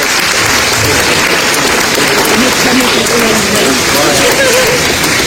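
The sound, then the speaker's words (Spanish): Sustained applause from an audience for the directors and staff of CETI 106, a dense, steady wash of clapping that stays loud throughout, with faint voices mixed in underneath. “Y bueno, denle un fuerte aplauso también, aquí están todos ellos.”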